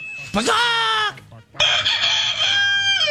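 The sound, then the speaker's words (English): A rooster crows twice, loud: a short rising call, a brief pause, then a longer, sustained crow that holds steady before trailing off. “Well, bad enough you gave them six innings without having a bunch of loose roosters particles floating around your elbow.”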